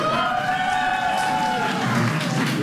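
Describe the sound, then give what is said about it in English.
A large crowd bursts into sustained applause and cheering in answer to a question about who plans to party all night, a dense, steady wash of clapping with voices whooping and shouting over it throughout. “How many plan on partying all night long tonight by a round of applause?”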